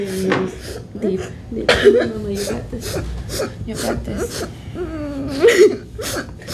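A girl hyperventilating: quick, ragged gasps repeat every half second or so, mixed with strained, whimpering vocal sounds that swell louder near the end.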